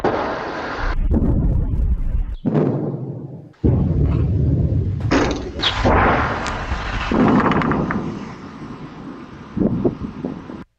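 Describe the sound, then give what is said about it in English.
Two deep, rumbling booms roll in one after the other, from a meter-wide meteor exploding in the sky over Massachusetts with an estimated force of 300 tons of TNT, recorded by a security camera, with steady wind buffeting the microphone throughout and no one speaking. “Turns out that noise, yes, you know it, a meter-wide meteor exploding in the sky somewhere over Massachusetts with a force equal to, according to estimates, 300 tons of TNT.”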